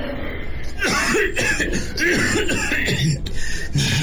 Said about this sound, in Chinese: 紧接着杨昌济又是一阵剧烈的咳嗽。